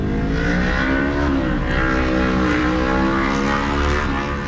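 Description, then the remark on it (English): Car engines hum and drone steadily as vehicles roll into a Buc-ee's parking lot in Colorado, a continuous, fairly loud mix of motors with slight rises and falls in pitch and no voices. “And the cars just keep rolling in.”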